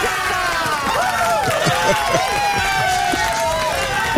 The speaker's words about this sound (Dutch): Jij had ook eerbeek als goede antwoord. Wil je ook applaus?